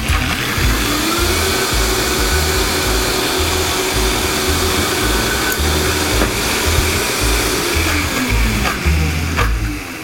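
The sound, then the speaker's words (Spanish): A blender runs at full power for the whole stretch, a loud steady motorized roar with churning low rumble as it purées a thick tomato sauce with paprika, no voices over it. “Vamos a volver a licuar.”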